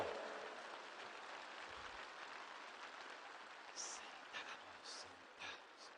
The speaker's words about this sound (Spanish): Un aplauso a los que ya están sonriendo. Eso.